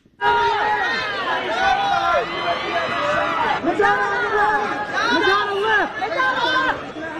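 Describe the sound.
A crowd at a red carpet event shouts and screams excitedly as celebrities pose, many overlapping high-pitched voices calling out at once, such as "I love that outfit," in a loud, continuous clamor of cheering and chatter.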